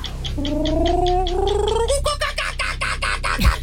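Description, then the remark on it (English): A person imitates a kookaburra call: a rapid, rhythmic run of throaty pulsing notes with a rising tonal cackle, breaking into louder, harsher choppy bursts and a brief falling note at the end. “Like a kookaburra.”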